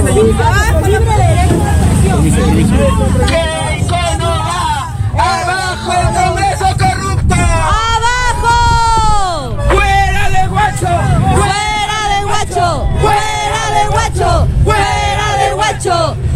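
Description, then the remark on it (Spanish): A large crowd of young people and activists, gathered with National Police officers at the Huacho roundabout, shouts and chants together outdoors, loud and continuous, with overlapping raised voices throughout and a low rumble of traffic beneath. “Un grupo de jóvenes y activistas junto a personal de la Policía Nacional se viene concentrando en el óvalo de Huacho para recibir, pues, ¿no?”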